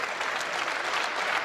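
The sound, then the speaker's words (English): A large crowd applauds Andy Burnham, the new Prime Minister, as he greets people before his first speech, a long, dense, continuous wash of clapping that stays loud and even throughout with no voices standing out. “A large crowd here, long sustained applause.”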